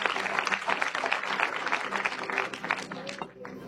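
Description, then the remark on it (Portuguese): A church audience applauds to glorify the name of Jesus: dense, steady clapping from many hands fills the whole stretch, with a few voices mixed in, before easing off slightly at the very end. “E se você quiser aplaudir, glorificar o nome de Jesus, fique à vontade.”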